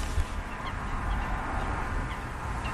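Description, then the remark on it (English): A dense, steady chorus of waterfowl honking and calling across the open water of a pool packed with birds, many birds overlapping with occasional sharper calls standing out; no one speaks. “It's packed with birds.”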